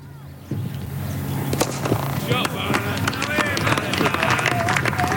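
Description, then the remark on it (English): Ambience of an amateur village cricket match in England: a sharp crack of the leather ball striking the willow bat rings out, followed by scattered voices, footsteps and light clapping over a steady background murmur. “That is, of course, the gentle sound of a cricket match being played in a quaint English village as leather hits willow.”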